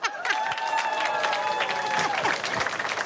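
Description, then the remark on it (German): A crowd applauds the tent crew steadily for about three seconds, dense overlapping claps at an even loudness, with a sustained high tonal cheer or whistle running through the middle. “Ein Applaus für unsere Zeltcrew.”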